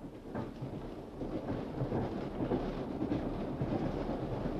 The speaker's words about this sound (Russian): Экспресс шел без остановок. Вагон плавно покачивало.